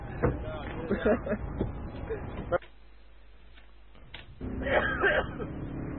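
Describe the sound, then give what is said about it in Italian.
Harsh coughing bursts over a murmur of voices, then a brief near-silent pause before more rough coughing and chatter return. “Ma che odi, minchia, ma la tosse che hai, cazzo.”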